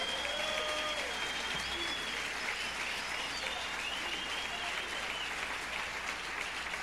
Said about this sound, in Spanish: Un aplauso a ese bendito Señor.